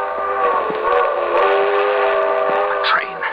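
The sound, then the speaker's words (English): A train whistle sounds a long, steady, harmonic blast over the rumble and clatter of a passing train, loud and continuous throughout. “If I can make that train.”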